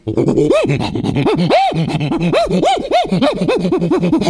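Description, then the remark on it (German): A human voice imitates an agitated prosimian, upset by many dogs running in front of it, with a rapid, unbroken run of loud rising-and-falling whooping squeals and gasping cries lasting about four seconds. “Ja, und jetzt regt der Halbaffe sich auf, weil vor ihm ganz viele Hunde laufen und die mag er gar nicht.”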